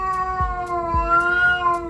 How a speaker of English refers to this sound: I'm Caroline Steele, and that yowling sound is my cat, Ollie. He's just spotted his number one enemy, a white cat that sometimes